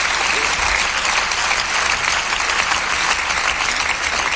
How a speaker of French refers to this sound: Vous voyez, ils sont tous enculés, ils applaudissent quand même, hein.